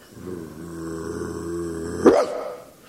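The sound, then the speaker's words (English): A Rottweiler growls low and steadily for about two seconds, then lets out a single sharp, loud bark before the snarl trails off. “But once established as a devil's dog of choice, Rottweiler soon became a gangland regular.”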